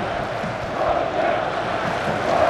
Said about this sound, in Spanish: Aparece Norway, era el grito, ¿verdad? Norway. Sí, Norway. Norway, correcto.